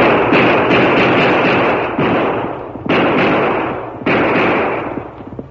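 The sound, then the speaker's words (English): Twelve loud, booming revolver gunshots fired into the air at night by the Lone Ranger, emptying both guns. Several cracks come in quick succession and then a few more spaced apart, each trailing into a long rumbling echo that fills the gaps. No voices. “Twelve shots rang out through the silent night.”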